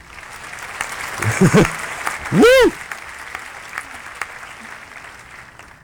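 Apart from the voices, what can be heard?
applause sound effect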